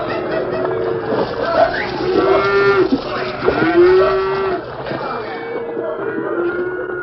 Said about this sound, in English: At the river's narrowest point, a small ford half hidden by thick underbrush, there was an unmistakable sound, the confused plunging and splashing of cattle on the move.